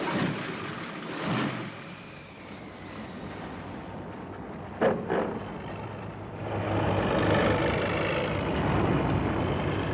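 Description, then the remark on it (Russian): An all-terrain vehicle engine runs steadily, a loud continuous mechanical drone with a couple of brief bursts midway, growing fuller and louder in the second half. No one speaks. “Хороший вездеход.”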